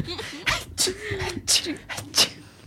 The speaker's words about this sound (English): Mom, did you sneeze all over the party?